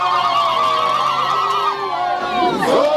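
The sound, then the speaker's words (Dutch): A large crowd at a protest against illegal migration in a township in Durban, South Africa, sings in Zulu in loud, sustained unison, voices holding long wavering notes with a dense, steady roar beneath, swelling into overlapping shouts near the end. “We gaan vechten als we buitenlanders tegenkomen, wordt er hier gezongen in de taal Zulu.”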